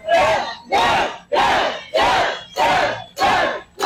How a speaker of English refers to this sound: As the crowd was chanting her name, Deb Haaland took to the stage to thank voters for their support and outline her agenda.